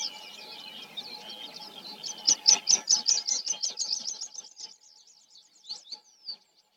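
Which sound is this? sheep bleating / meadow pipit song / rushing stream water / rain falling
meadow pipit song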